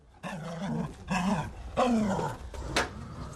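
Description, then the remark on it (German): A suspicious tomcat growls in four drawn-out, rising and falling bursts with brief pauses between them, loud and tense, with no one speaking. “Dieser Kater hier ist ein wenig misstrauisch.”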